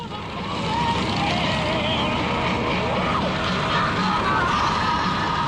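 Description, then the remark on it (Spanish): A Harley motorcycle rides through the streets of Madrid at night, its engine a steady roar blended with road and traffic noise that swells in at the start and holds loud throughout. “Luego de disfrutar las calles de esta ciudad, este Madrid nocturno en motocicleta”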